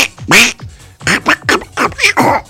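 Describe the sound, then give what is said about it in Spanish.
A voice imitates a cartoon duck, letting out a rapid string of about six raspy, nasal quacks in bursts, loud, with no other sounds around it. “Si se mueve como pato, hace como pato, camina como pato, grazna como pato.”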